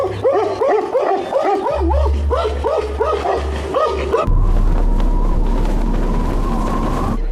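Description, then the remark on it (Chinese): Several stray dogs in Xianggu Village bark rapidly and frantically for about four seconds, seeing off a Tibetan brown bear leaving after eating from a food bucket, overlapping yaps giving way to a steady low rumble and noisy background. “流浪狗们也不敢再招惹这个庞然大物，直到棕熊吃饱了准备离开，才又义愤填膺地狂吠一气，将它送走。”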